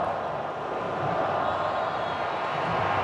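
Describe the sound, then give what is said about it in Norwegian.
A stadium crowd counting down to the second-half kickoff of a football match between Czechia and Mexico, heard as a dense, steady roar of many voices that holds a constant loudness throughout, with no single speaker standing out. “Og så teller publikummet ned til avspark.”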